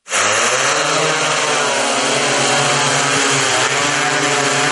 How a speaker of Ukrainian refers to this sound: А це вже в роботі нічний дрон, оснащений тепловізійною камерою.